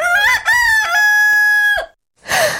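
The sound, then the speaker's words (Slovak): A giant rooster crows loudly in front of a house: a rising cock-a-doodle-doo ending in one long sustained note. After a brief silence, a short rough burst of noise follows. “Diabol sa prepadol do pekla a pred naším domom sa objavil obrovský kohút.”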